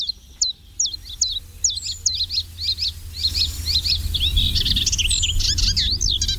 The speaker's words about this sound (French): Alors voilà un oiseau qu'on entend beaucoup, qui est facile à reconnaître, c'est le pouillot véloce.